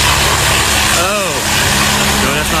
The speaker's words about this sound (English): There's a tractor trailer truck that's going by the curve here, and then another car or two past that. It's so loud here,